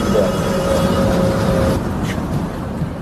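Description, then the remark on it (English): A paraplegic wheelchair user boards a city bus in Tukwila for a ride to the South Downtown neighborhood of Seattle, over a steady engine rumble, with a thin, sustained mechanical whine that stops about halfway through. No one speaks. “getting on a bus with me.”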